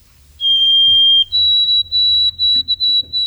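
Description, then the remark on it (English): A white-throated sparrow's clear, pure whistled song: one long steady note, then a slightly higher sustained tone that carries on, over a low, rumbling background hum. “But the white-throated sparrow, there he is. That very clear, faint, whistled song, I love it.”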